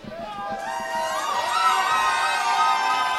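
An audience cheers and whoops loudly as a special round of applause for a drummer who has been playing drums for a month, with high excited voices swelling into a steady, sustained roar of crowd noise that stays strong throughout.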